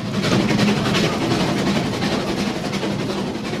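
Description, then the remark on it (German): A steam locomotive at Rigi Kaltbad lets out a loud, steady hiss of steam over a dense, rumbling chug with faint rhythmic pulses throughout. No voices are heard. “Es hat unheimlich gedampft und gezogen und gezischt.”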